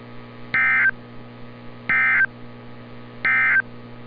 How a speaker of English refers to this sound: Repeating, this was a test of the specific area message encoding and tone alert systems.